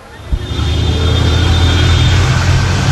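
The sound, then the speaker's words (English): Steady low rumble of Mexico City street traffic, with car engines droning and revving and a brief thump near the start, continuous and fairly loud throughout. “Mexico City's traffic is notoriously bad”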